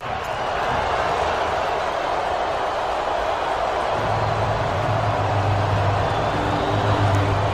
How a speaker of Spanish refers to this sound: Con abucheos y pitos de buena parte del estadio de Los Ángeles, que ha asistido al encuentro, al himno de Irán.